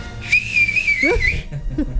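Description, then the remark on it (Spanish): A loud, piercing human street whistle, a 'chiflido verdulero', rings out. It is held steady for over a second with a slight upward lift at the end, over faint background noise. “Ese se lo aprendí de mi mamá, que le digo chiflido verdulero.”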